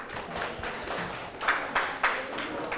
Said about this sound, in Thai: ปรบมือให้ทุกกลุ่มเลย